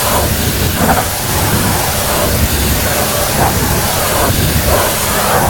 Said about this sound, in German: Und Andi, du hast recht, es ist ein Hochdruckreiniger